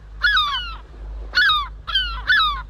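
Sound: seagull calls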